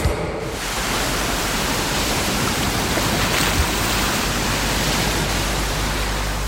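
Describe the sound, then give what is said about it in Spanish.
A steady, unbroken rush of sea waves washing on a beach, loud, with no distinct individual breakers and no voices. “Ay, qué bien suena, qué relajante el sonido del mar, las olas, playita, buen tiempo”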